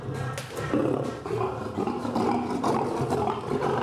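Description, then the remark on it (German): A male lion growls, a deep, rumbling snarl that holds steady and loud for several seconds with small swells in intensity, and no voices present. “Ungehalten wird das Löwenmenschen vielleicht auch, weil es draußen Gärtner und Gärtnerarbeit wittert.”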